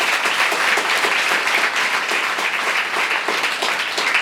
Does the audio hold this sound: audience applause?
yes